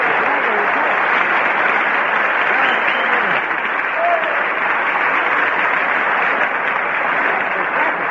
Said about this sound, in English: That's where you're supposed to get the applause there.